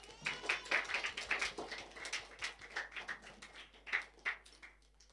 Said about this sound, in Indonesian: tepuk tangan sekali lagi untuk teman-teman kita.